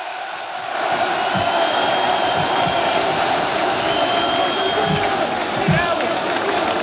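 A large crowd on the Champ de Mars in Paris claps and cheers for Paris Saint-Germain player Warren Zaïre-Emery, number 33, as he goes on stage: a dense wash of applause with scattered whistles and shouts rising above it, holding at a constant loud level after a brief quiet start.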